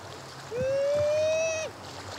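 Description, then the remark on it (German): At a beach on a cold day, a man caring for a young sea lion imitates a sea lion mother's call with one sustained, slightly rising howl lasting about a second, rich in harmonics, ending in a short downward slide over a soft background of lapping water. “Er ahmt den Ruf der Seelöwenmutter nach.”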